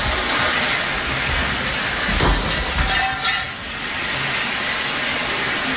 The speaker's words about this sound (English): in her apartment, knocking into one of the sprinklers and setting the whole fire suppression system off. She happened to be recording this whole thing.